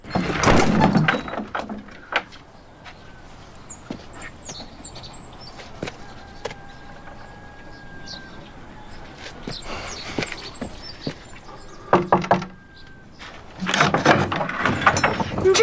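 A door is shut with a rattling, wooden clatter at the start, followed by quiet scattered knocks and clicks, then more banging and scraping near the end. No one speaks.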